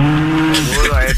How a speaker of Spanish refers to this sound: Ay. Deja la vaca esa quieta.